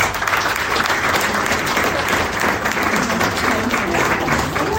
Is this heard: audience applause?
yes